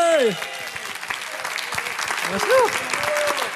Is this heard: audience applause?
yes